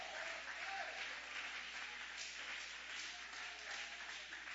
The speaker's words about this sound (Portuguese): Oh, aleluia, levanta a mão e vai aplaudindo.